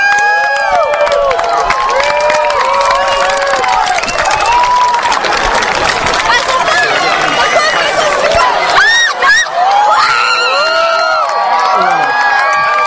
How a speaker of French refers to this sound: Ça y est, on va rentrer dans la totalité. La lumière diminue de plus en plus. C'est super impressionnant. Voilà, il n'y a plus qu'un petit bout. Écoutez les applaudissements.